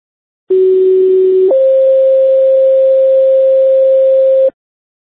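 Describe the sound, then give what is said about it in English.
A loud two-tone radio dispatch alert: one steady tone for about a second, then a higher steady tone held for several seconds before cutting off. No voices. It dispatches an ambulance and a fire engine to Thomas Street for stroke-like symptoms and chest pain. “Ambulance 1, start towards Thomas Street, standby for disruptor tones.”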